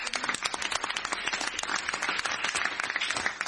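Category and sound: crowd, audience applause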